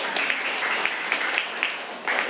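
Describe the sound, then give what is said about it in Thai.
A class applauds a classmate's answer steadily, dense overlapping claps forming a continuous bright patter with a few sharper individual claps standing out; no one speaks. “ขอเสียงปรบมือให้เพื่อนก่อนครับ”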